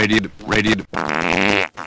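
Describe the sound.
A voice, presented as Walter Cronkite, does an impression of the South American farting frog: two short croaky, voiced bursts followed by one long, loud, buzzing raspberry that cuts off abruptly.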